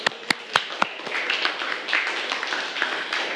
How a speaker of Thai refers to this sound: ซึ่งข้อนี้ถูกต้องปรบมือให้กับเพื่อนเลยค่ะ